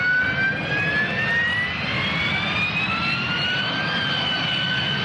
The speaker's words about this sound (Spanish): El mecanismo solo se conoce en aplicaciones de flujo supersónico, como el despegue y el aterrizaje verticales con motores a reacción, como la turbina de un Harrier.